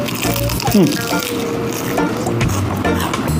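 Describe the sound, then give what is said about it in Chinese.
Crackly crunching as someone bites into guo bao rou, a Northeastern Chinese dish of battered, crispy fried pork tenderloin, with a few sharper crunches standing out over a steady background of chewing and faint room noise. “你每一口咬下去都是那种特别酥脆的状态，而且这个上桌之后啊，稍微放了一点点时间，它微微没有那么烫了，可是它那个酥脆感保持得很强，一点不会疲软，我觉得这很棒。”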